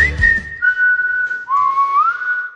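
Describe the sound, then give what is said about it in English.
A lone whistler in an empty, decluttered house being sold holds a few steady, bright notes, dips lower, then slides back up. The loud tune rings out with a noticeable echo trailing each note. “Wow, listen to that echo. We finally decluttered.”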